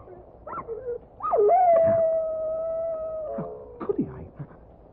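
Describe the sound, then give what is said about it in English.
A dog that seemed dead after being hit by a car howls as it gets up: a few short yelps rise into one long, steady howl lasting about two seconds, which then drops and trails off in lower, whining notes. “the dog. God, he's getting up.”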